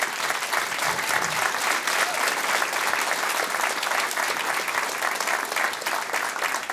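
A crowd applauds warmly, a steady dense patter of many hands clapping at an even, fairly loud level throughout, with no voices breaking through.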